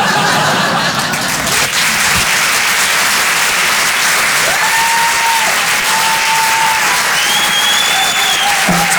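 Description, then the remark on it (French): An audience at a comedy show breaks into sustained applause at the end of a sketch, a dense, steady wash of clapping at full loudness throughout, with a few faint whistles and cheers rising over it near the end. “Parce que d'habitude, à la fin de mes sketchs, le public, il applaudit, c'est pour ça.”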